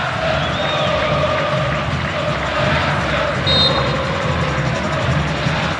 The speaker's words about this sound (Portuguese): Falta marcada a favor do Santos, que busca ampliar o marcador. E a torcida continua se animando na Vila Belmiro. Sinta o clima da Vila.